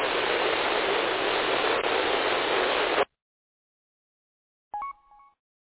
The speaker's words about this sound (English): I did hear a station coming back to me there. I got about a quarter of your transmission, and it just went full static. Try it again.